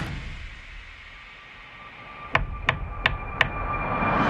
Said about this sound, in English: That was her knocking on the window of his car after he made the wish.